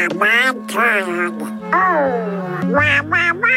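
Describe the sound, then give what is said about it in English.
A Donald Duck cartoon voice quacks and squawks in several rapid, buzzy bursts, loud, a person's voice imitating a duck's garbled chatter with brief pauses between phrases, played for World Donald Duck Day. “from Neverland to Disneyland, today it is World Donald Duck Day.”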